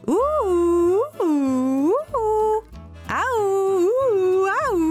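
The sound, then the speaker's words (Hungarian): A human voice imitates three dogs barking angrily at a cat up in a tree: several drawn-out, wavering woofs come in quick succession, loud, over a low steady background tone. “a nagy mérges ugatásra a szomszédból is átfutott két kutya, s azok is segítettek Bodrinak az ugatásban”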